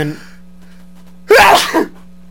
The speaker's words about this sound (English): I'm about to sneeze, and this is how you're talking to me?